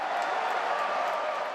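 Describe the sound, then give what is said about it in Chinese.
A dense, steady roar of football fans cheering at a World Cup viewing event in a Hong Kong shopping mall, loud and continuous throughout, with a wash of many voices blending together and no pauses. “球迷的欢呼声，”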